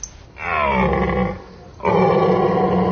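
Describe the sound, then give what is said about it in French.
A large stag deer bellows twice, deep and rough, each long roar lasting about a second with a brief pause between; the second bellow is cut off. The calls are loud, with no talking. “On a un grand cerf avec une belle voix. Voilà, on dirait un fauve.”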